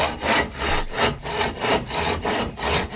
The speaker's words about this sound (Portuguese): Cadê a serra aí? Com martelo, serrote. Ah, cortou tudo. Vamos meter um serrotão, moça, galera.